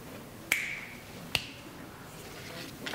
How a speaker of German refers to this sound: Jetzt schnipp.